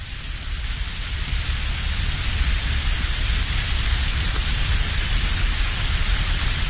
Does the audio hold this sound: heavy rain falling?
yes